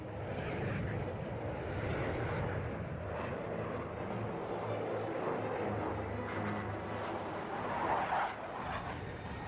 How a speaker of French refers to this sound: Donc là, on fait des manœuvres qui sont contrôlées. On fait faire à l'avion ce qu'on veut, mais par contre, après, une fois que l'avion est parti en vrille, c'est un peu lui qui fait ce qu'il veut.